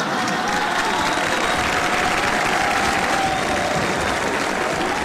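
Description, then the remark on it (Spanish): Steady applause from an audience fills the whole clip, a dense, even patter of many hands clapping at constant loudness, with faint crowd murmur and no speech over it. “Y eso no es para aplaudir, no es ningún mérito, la verdad.”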